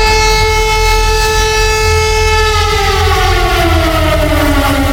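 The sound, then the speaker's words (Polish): A loud civil defense siren in Poland, sounded during a test of the national alarm broadcasting system, wails steadily, its harmonic tone holding and then slowly sliding downward in pitch, with a low rumbling background underneath and no voices. “System nadawania alarmów w Polsce działa poprawnie. To było testowane wczoraj w wielu miejscach. Można było usłyszeć taki dźwięk.”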